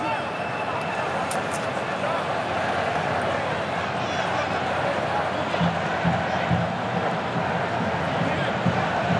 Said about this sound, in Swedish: Nu är det väl ändå hörna för Spanien. Ja, här kommer första hörnan och applåder från de röda utav portrarna som är på plats.